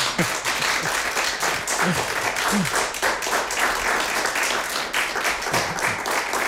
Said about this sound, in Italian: Lo so, vi abbiamo terrorizzato prima dicendovi non dovete fare il minimo rumore, non dovete spengere tutti i telefoni e tutto quanto, però insomma in realtà si può anche applaudire alla fine dell'esecuzione.